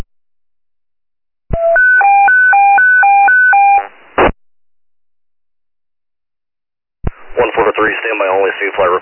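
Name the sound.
radio dispatch paging tones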